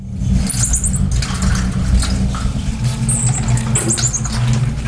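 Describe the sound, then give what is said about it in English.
A marmoset, abandoned in a cage inside a large bag left on a London bus, gives shrill, high-pitched chirping calls in a few short bursts, sounding slightly muffled, over a constant low engine rumble. “Well, inside the bag was a monkey in a cage. The marmoset had been abandoned and was reported to the RSPCA Animal Welfare Organisation.”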